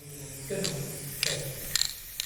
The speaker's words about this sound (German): Im Kunstmuseum der Kleinstadt Goch sprüht Thomas Baumgärtel sein sogenanntes Gaza Girl an eine weiße Museumswand. Ein Mädchen mit einer Palästina-Flagge.